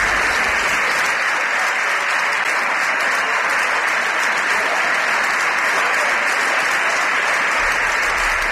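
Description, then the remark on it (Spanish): The PSOE benches in the parliament chamber rise and applaud steadily and loudly throughout, ovating Prime Minister Pedro Sánchez as he enters with ministers, a dense sustained ovation from many hands with no pauses. “toda la bancada del PSOE ovacionando al presidente del gobierno.”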